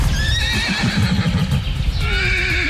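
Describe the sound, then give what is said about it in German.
Wild horses whinny and neigh in drawn-out, wavering calls, fairly loud, with a second call rising near the end over a dense, low rumbling outdoor background, in the Meerfelder Bruch nature reserve at Dülmen, where about 400 wild horses, a bit smaller than riding horses, live outdoors all year. “war gestern bei den Wildpferden in Dülmen.”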